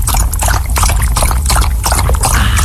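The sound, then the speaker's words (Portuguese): A dog laps up water in quick, steady splashes, the wet slurping repeating rhythmically, with no one speaking over it. “Vá, beba sua água. Isso, venha devagarinho.”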